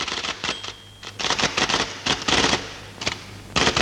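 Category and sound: machine, typewriter typing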